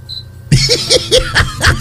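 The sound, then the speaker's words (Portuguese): A cricket chirps during a live early-morning radio broadcast, around 4:53 a.m., in a quick, steady series of high-pitched pulses, loud and insistent, with a short, faint high tone just before the chirping starts. No one talks. “Ó, tem um grilo aqui, Zé.”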